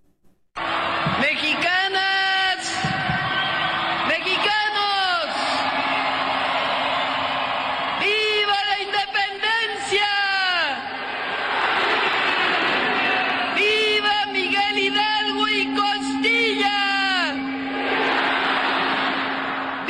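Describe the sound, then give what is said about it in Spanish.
A huge outdoor crowd of more than 180,000 people in the Zócalo of Mexico City roars and shouts continuously at the traditional grito for the 216th anniversary of Mexican independence, loud and dense, with swelling waves of cheering and whooping voices rising above the steady wash of noise. “al balcón central del Palacio Nacional con la bandera mexicana para dar el tradicional grito en conmemoración del 216 aniversario del inicio de la lucha por la independencia de México, ante más de 180,000 personas en un desbordado Zócalo capitalino.”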